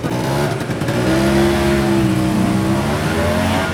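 A small motor scooter engine revs loudly and steadily on a sidewalk near a beach, its buzzing pitch climbing and then easing as it passes, with no voices over it.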